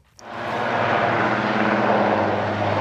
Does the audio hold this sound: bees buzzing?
no